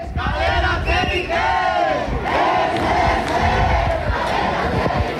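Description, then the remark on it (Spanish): A crowd of about a hundred protesters chants and shouts together in front of a building cordoned off by a large deployment of the Ertzaintza, the Basque police, voices rising and falling in loud, sustained waves with a dense, steady roar underneath throughout. “Un centenar de personas se han manifestado frente al edificio acordonado por un amplio despliegue de la Ertzaintza.”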